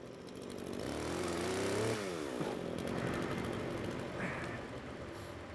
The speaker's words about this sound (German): Mit der Motorsäge kann er auf jeden Fall besser umgehen als ich.